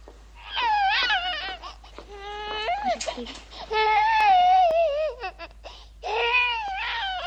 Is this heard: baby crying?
yes